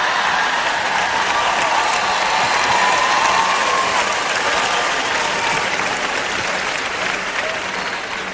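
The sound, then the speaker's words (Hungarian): A large crowd applauds steadily and loudly for about eight seconds, a dense, continuous wash of clapping that thins slightly toward the end, with no one speaking. “És a mennydörgés, amit most hallottok, az az Isten, amin tapsol.”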